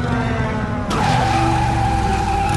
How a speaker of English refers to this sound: The light approaches, revealing the headlight of a flying motorcycle driven by a massive man. He lands in the street.